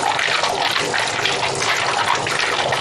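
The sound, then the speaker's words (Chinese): Walnuts being washed in water: walnut samples, each picked from its own labelled tree, are washed clean; a steady, hissing rush of running and sloshing water fills the whole stretch at an even, fairly loud level, with no voices. “就洗干净，它会更漂亮一些。”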